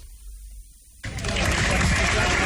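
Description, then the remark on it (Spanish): After a second of low, quiet rumble, a crowd in Granada suddenly breaks into loud, sustained applause as the coffin of a flamenco guitar master arrives, a dense wash of many hands clapping that continues steadily to the end. “Los aplausos con los que Granada recibió ayer el féretro del maestro de la guitarra flamenca …, que será enterrado en el cementerio de Granada.”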